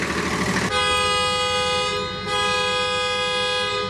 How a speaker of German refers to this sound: Das ist ein Sechszylinder-Diesel. Und wenn ich den anschmieden darf, dann hört sich das an wie eine schwere Nähmaschine.